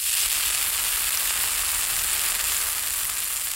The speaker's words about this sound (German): Lecker, da brutzeln sie in der Pfanne, die evangelischen und die katholischen Bratwürste.